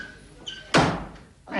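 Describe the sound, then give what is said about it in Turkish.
A door is pulled open with a loud, sudden thud and rattle, and moments later a second rush of noise as it swings shut, with no talking. “Açın Allah'ın şu kapıyı.”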